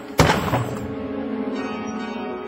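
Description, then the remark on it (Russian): A sudden crash as an expensive clock that belonged to a late mother hits the floor and breaks, then its chime rings on in a sustained, shimmering metallic tone that slowly fades, with no voices. “Разбить такую дорогую вещь.”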